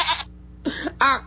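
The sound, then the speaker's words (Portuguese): A billy goat bleats in a few short, harsh bursts, the last call more nasal and tonal, with brief gaps between them and no talking. “Acorda, bode.”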